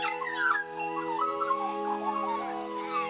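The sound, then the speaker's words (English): Calm theme music for the Early Bird Trivia segment, with steady, sustained low tones and a layer of bright, chirping bird-like calls fluttering above, played at a moderate level with no talking. “Love that theme music, it's so peaceful.”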